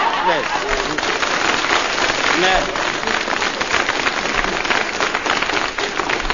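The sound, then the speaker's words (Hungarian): A cool shower runs steadily from a turned tap, a dense, continuous hiss of pouring water for several seconds, with faint voices murmuring underneath. “Na szóval, csapot csak megcsavarom, és már is hűvös zuhany eső, dől rám”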